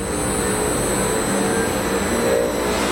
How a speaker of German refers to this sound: Kein Flugzeugtriebwerk, das warm läuft, sondern eine Recyclinganlage, die hochfährt, in einer großen Technikumshalle in Braunschweig. Das ist unser Ansaugzyklon, da wird das Material angesaugt.